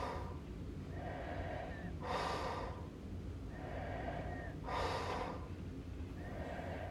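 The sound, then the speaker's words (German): Faint, borderline snoring: slow, rhythmic sleep breathing with breathy, hissing inhales about every two and a half seconds and soft, slightly whistling exhales, with no voices. “Dies ist ein Grenzfall von Schnarchen, denn das vollklingende, im Schlaf erzeugte Schnorcheln, Krächzen, Schaben oder Würgen ist hier sehr schlecht ausgeprägt.”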